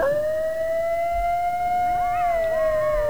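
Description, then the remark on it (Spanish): A coyote's long, steady howl held on one clear pitch, with a second wavering voice rising and dipping near the end. It is loud, with no talking. “Sí, no es un lobo. Un coyote.”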